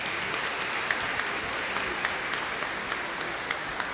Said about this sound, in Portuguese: Está aqui presente? Olha que chique. Uma salva de palmas.